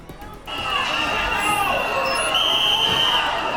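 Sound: crowd whistling in protest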